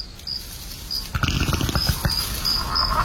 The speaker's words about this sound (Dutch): Hoorde ik nou een scheet van een van die dino's? Dat borrelt voortdurend.